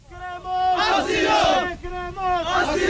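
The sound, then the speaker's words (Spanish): A crowd at Trampolín beach, who had stood there five hours in the rain, shouts demands for asylum in unison as a police cordon is dissolved, loud sustained chant-like cries rising in two surges, with a brief dip between them. “Escuchamos a la multitud pidiendo asilo”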